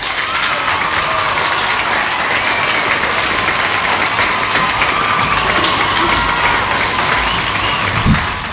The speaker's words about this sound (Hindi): Okay, तो इन दोनों ने जो है बिल्कुल सही जवाब दिया है, तो इनके लिए बजाएंगी तालियां।